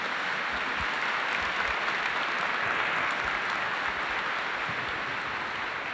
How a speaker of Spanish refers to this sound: Les damos un fuerte aplauso de agradecimiento.